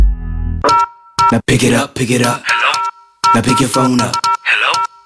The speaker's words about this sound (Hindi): Pick it up. Hello. Now pick your phone up. Hello. जब phone घंटे बजते हैं तो कहते हैं hello, hello, hello, hello, hello.